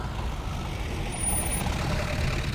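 A car rolls in with a steady, rumbling engine and broad road noise that grows slightly louder toward the end as it arrives. No one speaks.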